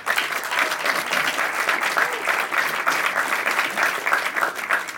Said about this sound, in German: Sie dürfen immer, immer klatschen. Das ist ganz wichtig für uns auf der Bühne, dass wir da ein Echo bekommen, vor allem für die Kandidaten.